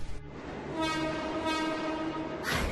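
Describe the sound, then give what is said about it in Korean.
A train horn sounds in two long blasts with steady harmonic tones over the rumble of a train arriving on the opposite track, ending in a louder burst of rushing noise as it draws near. “맞은편 선로로 지금 열차가 들어오는 중이야.”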